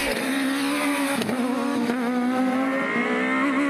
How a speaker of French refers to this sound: Bon allez, assez parlé maintenant. Je vous laisse profiter du son incroyable de ce 4 cylindres qui hurle à 9000 tours.